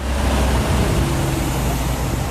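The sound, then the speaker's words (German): A steady, dense rumble of columns of trucks and cars pushing through the town of Fürstenberg, mostly at 30 km/h, a continuous low engine drone with a broad wash of road noise and no voices. “Lkw- und Autokolonnen schieben sich durch Fürstenberg, meist mit Tempo 30.”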